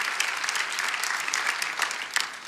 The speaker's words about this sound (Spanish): Vamos, dale ese aplauso a Jesús si lo crees.